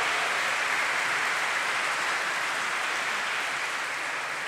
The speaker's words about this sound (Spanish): Un aplauso para los abuelos y abuelas.